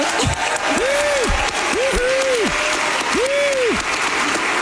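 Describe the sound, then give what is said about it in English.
A large audience in Seattle applauds loudly and steadily throughout at an event hosted by Seattle Mayor Katie Wilson, with several drawn-out rising and falling whoops or cheers cutting through the dense clapping. “Clapping seals, all of them.”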